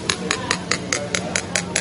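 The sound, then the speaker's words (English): About nine quick, even taps on a cup of water fizzing with stirred-in Alka-Seltzer, each a bright ringing click, with the pitch gradually rising over a faint bubbly hiss. “And then up it comes again. So it's pretty clear this has got something to do with the bubbles.”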